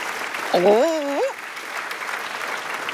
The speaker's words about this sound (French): Mon Doudou est là, en tutu, sur la scène de l'opéra. Il salue le public sous un tonnerre d'applaudissements.